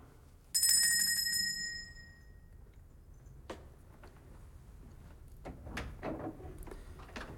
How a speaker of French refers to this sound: Une porte s'ouvrit.